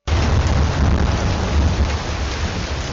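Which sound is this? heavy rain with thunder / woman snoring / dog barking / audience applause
heavy rain with thunder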